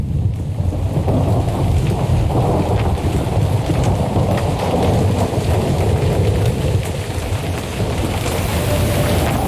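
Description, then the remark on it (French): A thunderstorm rages with steady, heavy rain pouring down and deep, rumbling thunder rolling continuously underneath, loud, with no voices present. “La tempête s'annonce à bâbord.”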